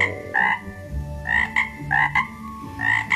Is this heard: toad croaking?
yes